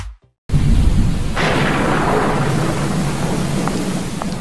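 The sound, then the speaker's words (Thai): After a moment of silence, a thunderstorm bursts in: deep, rolling thunder rumbles over a steady roar of heavy rain, loud, continuing without a break for several seconds. “ทีวีเป็นอะไรอ่ะแม ่ฝนตกทีไรดูไม่ได้ทุกทีเลย”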